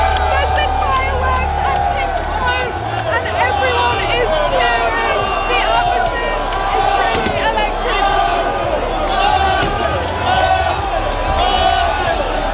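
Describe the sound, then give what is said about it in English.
Tens of thousands of Arsenal football fans lining the streets of North London cheer and chant without pause during an open-top bus parade celebrating a Premier League title, with flares set off, many voices blending into a loud, steady roar with rising and falling shouts. “tens of thousands of Arsenal fans are lining the streets of North London to celebrate their first Premier League title in 22 years”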